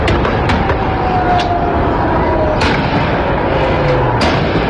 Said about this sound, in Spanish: ¿Escuchan los tiros?